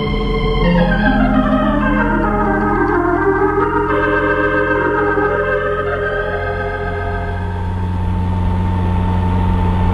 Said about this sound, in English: Those are Japanese soldiers in that jeep that's coming. So they are.